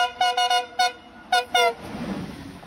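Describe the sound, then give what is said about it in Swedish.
A train horn, sounded by the driver at a station platform on request, gives a quick series of about six short, bright, loud toots in two clusters, followed by a low rumbling of the train. “visar för lokföraren att han vill att de ska tuta.”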